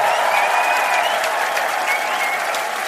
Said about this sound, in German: Da ist sie. Schau mal, du kriegst einen Riesenapplaus.